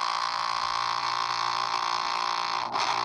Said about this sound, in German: also ich habe auch jetzt mir mal so eine Fitnessuhr gekauft und interessanterweise, dass ich mal gucken, ob Sie das hören können, hat diese Fitnessuhr so eine Art Nebelhorn.